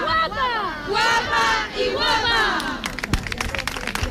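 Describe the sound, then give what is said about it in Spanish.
A crowd at a maritime procession for the Virgen del Carmen, held after mass in the fishing quarter of Santander, shouts "¡Viva la Virgen del Carmen!" and cheers in loud, rising bursts of many voices, then the cheering gives way to scattered clapping and sharp percussive cracks toward the end. “Una de las más destacadas tiene lugar en Santander, donde tras la misa en el barrio pesquero se está celebrando una procesión marítima.”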